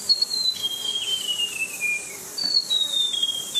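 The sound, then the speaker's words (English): A white-throated gerygone sings high, thin, sweet whistled notes that trickle downward in a falling cascade, then a second descending run follows after a brief pause. “But this one's called the white-throated jerigony.”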